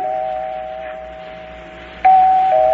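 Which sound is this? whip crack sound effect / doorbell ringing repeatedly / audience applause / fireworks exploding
doorbell ringing repeatedly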